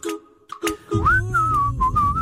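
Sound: person whistling a tune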